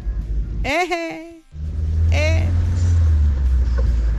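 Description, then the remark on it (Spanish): An old Volkswagen Beetle engine rumbles, with two quick rising revs near the start before settling into a steady, low, throaty idle. “Oye, pues me graban el carro. Todavía no sé yo dominar ese lenguaje de bochos, chamacos.”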